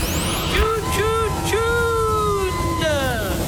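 Busy road traffic, a steady rumble of vehicles with squealing brakes and whining tones rising and falling over the noise.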